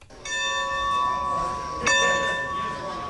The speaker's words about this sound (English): The clanging of train station bells is a sound ingrained in Americana, serving as the musical score for when long locomotives pulled into town. But today, they herald a different kind of arrival, the resurrection of a piece of steam history.